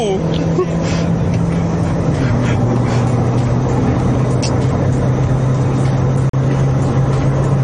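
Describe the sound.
A car driving fast, with a loud, steady roar of engine and road noise throughout. The engine hum drops in pitch partway through, as if shifting gear, and muffled voices briefly come through.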